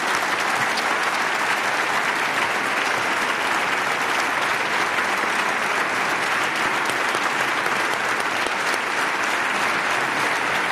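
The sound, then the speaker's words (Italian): An audience applauds the speaker's former songwriting partner steadily for about ten seconds, a dense, even wash of many hands clapping at constant loudness with no voices over it. “Io prima scrivevo insieme a Enrico, a cui facciamo un grandissimo applauso.”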